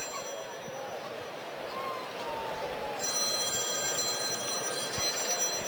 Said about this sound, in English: Is that the bullpen phone? No. I think it was Commissioner Gordon calling Batman.